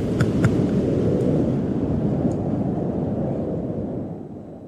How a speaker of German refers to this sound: So, jetzt sind wir einmal alle durchgefrostet und wem immer noch warm ist. Hier ein bisschen kalter, akustischer Wind für euch.